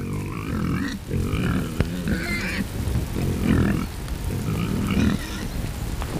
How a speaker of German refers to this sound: Ebi und die anderen Schweine wurden von der Herde getrennt.